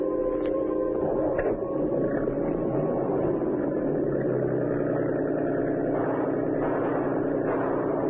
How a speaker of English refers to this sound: Listen, Professor. I hear it. Must be police boats.